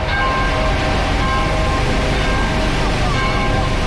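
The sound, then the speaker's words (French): A steady, loud rumble of a car driving in a convoy at about 40 km/h, heard from inside, with constant road and engine noise and faint humming tones throughout, no pauses. “le cortège roule pas vraiment au pas. T'es à combien là ? 40.”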